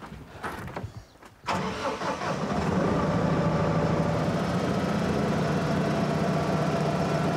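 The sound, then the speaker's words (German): A compact tractor's engine cranks with a few rough turns, then catches at about one and a half seconds and settles into a steady, loud idle that runs to the end, with no talking, during a training session on hitching the tractor to a trailer. “Die erste Aufgabe der heutigen Schulung, den Traktor mit dem Anhänger verbinden.”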